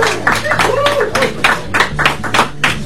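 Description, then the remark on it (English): A small group claps in a steady, even rhythm, each sharp burst fairly loud, with faint voices murmuring underneath. “Please clap. Please clap. Please clap.”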